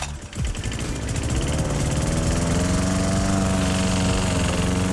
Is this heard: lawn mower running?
yes